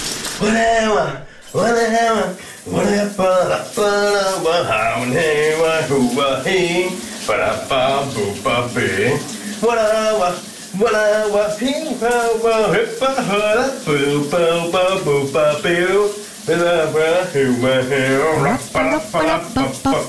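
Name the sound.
shower running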